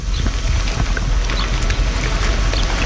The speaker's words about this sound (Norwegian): Lyden av bølger, måkeskrik og en båtmotor som jobber på